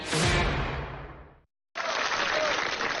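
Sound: audience applause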